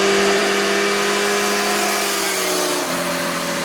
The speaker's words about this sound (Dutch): Een 60 kilometer weg door een natuurgebied wordt daar door motorrijders gebruikt als een racebaan. Pal achter de bomenrij ligt een woonwijk en de bewoners daar zeggen dat het vooral op zonnige dagen dat die herrie dan niet te hard is.